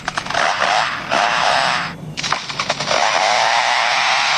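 A lyrebird in its forest home mimics the chainsaws of lumberjacks working nearby: a loud, harsh, buzzing whine that runs almost continuously, drops out briefly midway, then revs back up with rattling pulses. No one speaks.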